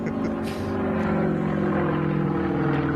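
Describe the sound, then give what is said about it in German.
The propeller engine of an Extra 330 aerobatic plane, flown by pilot Wladimir Jakuschew, drones steadily and loudly throughout, a dense buzzing roar with stacked harmonic tones holding an even pitch, continuous. “Ein Extra, 330, Pilot Wladimir Jakuschew.”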